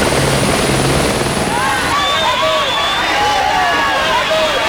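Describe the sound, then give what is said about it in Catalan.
A helicopter carrying former Catalan president Artur Mas to the Parliament in 2011 roars loudly overhead, its rotor noise steady and dense, while a crowd of protesters encircling the Parliament makes a hubbub and repeated shrill whistles that rise beneath it in the second half. “La justícia europea condemna l'estat espanyol per haver vulnerat el dret de reunió de diversos manifestants que l'any 2011 van encerclar el Parlament, el dia en què l'expresident Artur Mas va arribar a la cambra en helicòpter.”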